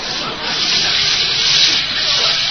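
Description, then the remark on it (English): Steady rushing spray of a hot shower running behind a shower curtain over a tub, a dense continuous hiss that stays loud and even throughout with no pauses. “Well, let me reach behind the curtain here and turn on the water. I'll let it get good and hot.”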